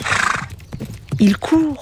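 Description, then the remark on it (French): A horse's hooves pound in a quick gallop, then a couple of loud whinnies ring out with rising and falling pitch. “Il court si vite que Toudou n'en croit pas ses yeux.”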